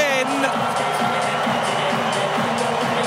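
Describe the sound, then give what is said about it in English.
A big stadium crowd roars in a steady, loud wash of noise after Caden Cleary kicks a goal for the Sydney Swans against Fremantle in the second term, filling the whole stretch without letting up, with voices blending into the din. “And the crowd roars.”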